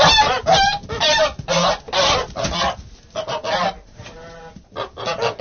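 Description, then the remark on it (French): A group of geese on a farm honks loudly, with harsh, overlapping calls coming in rapid bursts and barely a pause between them. “Est-ce que les oies sont plus difficiles à gaver que les canards?”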